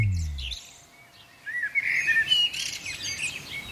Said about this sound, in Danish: Fuglesang. Hvilken morgen at starte. Ej, hvor er det dejligt. Med lidt fuglesang, det er jo nærmest sådan, det lyder udenfor efterhånden, selvom vi står meget, meget tidligt op.